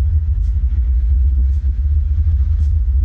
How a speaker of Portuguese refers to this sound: Do aeroporto, 2 ônibus seguiram em direção ao hotel.